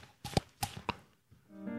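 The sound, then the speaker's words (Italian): Three quick, hollow slaps on the cheeks, fairly loud, tapped in an uneven clip-clop rhythm to imitate a horse's hooves as a sound-effects technique, followed by a sustained voiced tone starting near the end. “Schiaffetti sulle guance, così.”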